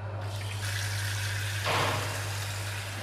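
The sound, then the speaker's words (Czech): Water runs steadily from a tap, filling the beer-glass chiller at the start of the day's service in a pub near the centre of Olomouc, a continuous hissing rush that swells louder for a moment partway through, over a low constant hum, with no one speaking. “Teď slyšíme zvuky, které jsou součástí startu hospodského provozu, a to je sundávání židlí a napouštění chlazení na pivní sklo.”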